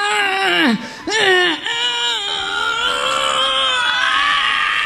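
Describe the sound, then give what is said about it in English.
A man groans and grunts with strain, his voice sliding up and down in long, drawn-out, whining tones, loud, continuing almost without a break for about five seconds. “And he's grunting and groaning.”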